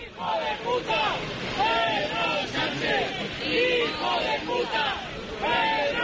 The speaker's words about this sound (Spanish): Estas son las lindezas, los cánticos, los abucheos al presidente del gobierno de los que se autoperciben como muy patriotas, que han decidido que tienen a bien lanzar estos cánticos contra la persona que representa a la presidencia del gobierno